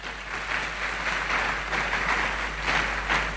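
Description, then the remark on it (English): A crowd applauds steadily in response to a call for a round of applause for His Excellency, a dense wash of many hands clapping at a fairly even volume that swells slightly toward the end, with no voices speaking over it. “And I think His Excellency deserves a round of applause for that.”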